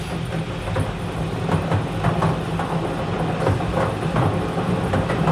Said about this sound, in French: Pendant ce temps-là, on va se laisser bercer par le bruit du boulier qui fait circuler toutes les boules.